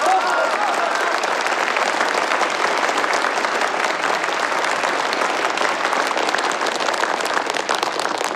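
Sustained, enthusiastic applause from a sizable audience congratulating a technical section chief on being elected, many hands clapping in a dense, steady wash that holds at an even loudness throughout without pause.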